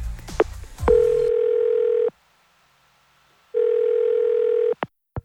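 A few quick dialing clicks as a phone call is placed, then a steady telephone ringing tone that buzzes for about a second, pauses, and rings again. It's clear, with no one speaking.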